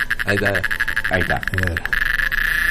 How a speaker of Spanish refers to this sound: El sonido sería como el sonido de una chicharra.